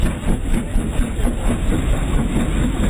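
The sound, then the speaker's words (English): A train rumbles past, a steady, heavy low engine drone with constant loudness and a broad mechanical roar throughout, with no voices. “Oh, there's a train just coming through.”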